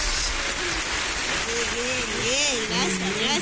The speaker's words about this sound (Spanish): aplausos.